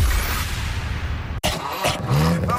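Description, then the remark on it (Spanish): A car engine rumbles steadily, then cuts off abruptly and restarts with an abnormal rough, strained whine and a scraping, rising tone, loud with no talking. “Ese ruido no es normal. Ya llévame a Treviño Refacciones.”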